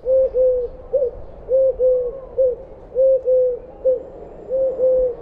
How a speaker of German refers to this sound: Die Türkentaube ruft klar und dreisilbig etwa du du du.